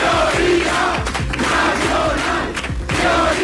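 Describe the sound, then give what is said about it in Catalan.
A large crowd of Vox supporters chants a slogan in unison at a political rally, loud and sustained, with rhythmic shouted syllables and steady beats pulsing beneath the voices. “I també cridaven aquest altre crit.”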